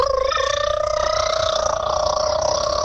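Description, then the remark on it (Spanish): A child's voice imitates a motorcycle engine, a steady, continuous buzzing hum that holds one pitch for about three seconds over a faint low rumble. “yo hice mi moto!”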